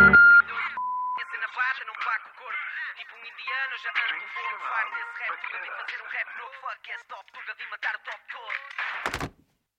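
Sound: voicemail recording beep tone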